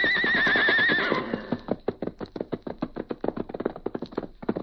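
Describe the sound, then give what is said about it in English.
A horse lets out a loud, wavering whinny lasting about a second, followed by a steady run of hoofbeats clopping quickly for several seconds. “New adventure was ahead, and with a shout of defiance, he left the hills to dash ahead.”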